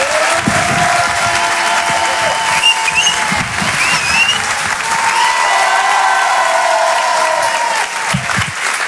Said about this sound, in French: Je vous demande de faire un maximum de bruit, un tonnerre d'applaudissements pour Monsieur Edgar Yves.